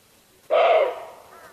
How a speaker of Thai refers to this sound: คือเสียงของกวางโรนี่เองมันขี้ระแวงมากหากผิดเสียงนิดเดียวก็เพ่นแนบทันที